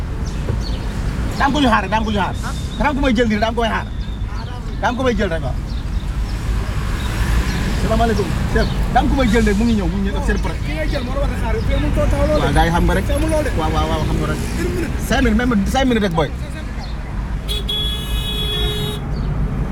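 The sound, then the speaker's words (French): Buses and other vehicles rumble past on a busy street, with a steady low roar of traffic, a car horn tooting, and people talking throughout. “alors on essaye de ne pas se faire chasser par les bus.”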